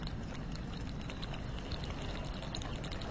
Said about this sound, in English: I think hopefully it's letting up a little bit now, but gotta keep these rainy sounds tonight.